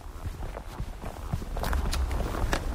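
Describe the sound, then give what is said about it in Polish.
Steady footsteps crunch along an asphalt road, mixed with sharp, repeated taps of trekking poles striking the surface in a brisk rhythm, moderately loud with faint outdoor background, on a walk into the Chochołowska Valley toward Polana Huciska. “W tle słyszycie moje kroki i stuk kijków.”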